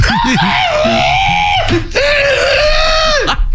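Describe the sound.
A person's voice imitates a rooster crow, giving two loud, strained, sustained calls with rising then falling pitch, the second one longer, with a brief breath between them.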